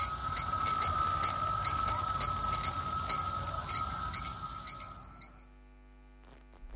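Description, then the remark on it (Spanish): A loud, continuous cicada buzz fills the air while crickets chirp in quick, regular high-pitched pulses over a steady tone. Everything cuts out abruptly near the end, leaving near silence. “Bueno, pues nada, 13:49, dejamos a la cigarra y a los grillos y nos vamos con el tráfico.”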